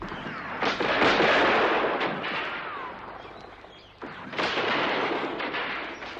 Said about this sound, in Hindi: पूरे एक घंटे तक दोनों ओर से गोलियां चलती रहीं। कहते हैं जब आजाद के पास गोलियां खत्म होने लगी तो अंतिम गोली उन्होंने खुद को मार ली।